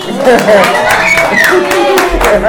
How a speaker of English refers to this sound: So, the baby, clap for yourself again. Clap for yourself.